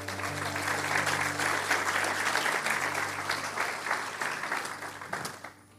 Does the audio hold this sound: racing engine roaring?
no